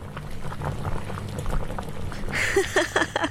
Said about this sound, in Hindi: हाँ, अब गैस पर पानी उबलने की हल्की ध्वनि को सुनो।